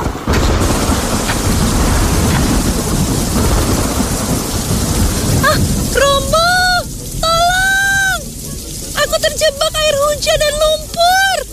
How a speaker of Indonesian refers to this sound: Tetapi hujan turun dengan deras.